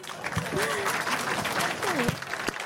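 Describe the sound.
Steady applause from a small group fills the whole stretch, dense clapping with a couple of brief voices calling out over it.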